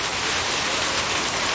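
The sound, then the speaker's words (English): Heavy rain pours down during winter in Victoria, a steady, dense hiss that stays loud and unbroken throughout, with no voices or other sounds above it. “Have you experienced the pouring bit of winter in Victoria?”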